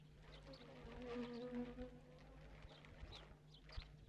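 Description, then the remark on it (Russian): A bee being pressed against a person's skin so it will sting buzzes in a steady, droning hum that rises slightly and wavers, with faint scattered tapping underneath and no voices. “прикладывает еще одну пчелу.”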